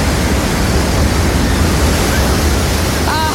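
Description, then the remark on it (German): Ocean waves breaking on a beach: a steady, loud wash of surf fills the whole recording, a dense, unbroken roar with no distinct individual wave crashes and no voices. “Wir sind nicht rausgezogen ans Meer. Nein, leider nicht. Aber es ist doch wunderschön, das zu hören.”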